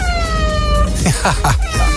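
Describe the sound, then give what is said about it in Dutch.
A pet cat named Jesse, waiting for food, meows several times in quick succession, short high-pitched cries that bend up and down. A steady tonal drone sounds underneath during the first half. “Ik heb zelf twee katten.”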